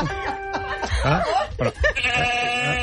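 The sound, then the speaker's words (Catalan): A goat bleats loudly, a string of wavering, nasal cries in quick succession, ending in one long drawn-out call. “que he traient paparres de la figa del cony d'una cabra”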